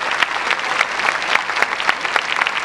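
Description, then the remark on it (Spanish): Sustained applause from a large audience in Veracruz for an orchestra, a dense, steady wash of clapping with scattered sharper claps popping out, loud and continuous throughout with no talking. “Antes de comenzar, quiero que le demos un aplauso enorme a esta maravillosa orquesta.”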